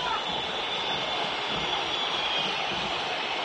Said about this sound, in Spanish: Silbido monumental.